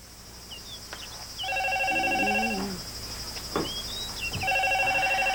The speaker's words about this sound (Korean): 저 시외에서 온 전화 같은데. 아, 방송국 사진 받고 있는데 나중에 하라고 해라. 중요한 전화 같은데 빨리 받아보세요, 어머님.